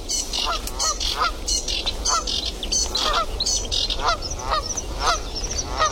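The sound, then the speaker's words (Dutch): A flock of geese honking continuously in loud, overlapping alarm calls after spotting people, harsh and insistent, with a steady low rumble beneath and no speech. “denk dat deze ganzen ook nu continu doorgaan. Want die hebben ons nu gezien.”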